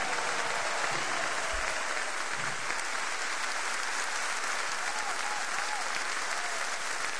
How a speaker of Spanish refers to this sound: Un fuerte aplauso.